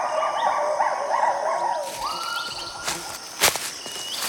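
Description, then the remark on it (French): Two lar gibbons calling in the forest of Khao Yai, Thailand, overlapping rising and falling whoops repeated in a quick, fairly loud series, then a long sliding note and a couple of sharp crackling bursts toward the end. “Ce sont deux gibbons lards. On dirait qu'ils communiquent.”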